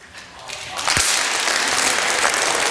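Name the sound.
audience clapping hands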